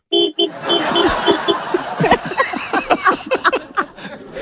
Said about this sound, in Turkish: Kornaya bas diyor. Dur tamam, yayından ya duysun. Kız yayından duysun. Dinliyorlar mı arabada? Onlar dinliyor. Arabada dinliyorlar. Basıyor. Ben yankı yapmasın diye çıktım. Bas.